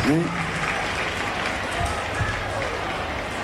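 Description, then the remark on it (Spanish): A crowd at a peña broadcast live by Cadena 3 applauds steadily for the Cadena 3 team, dense clapping sustained at an even loudness throughout, with a voice briefly audible at the start. “A la gente de Cadena 3, fuerte los aplausos, por favor.”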